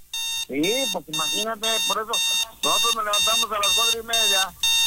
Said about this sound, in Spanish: No, güey, pues es que mucha gente todavía está jetones, más ahorita está sonando su alarma para despertarse, bañarse e irse a trabajar.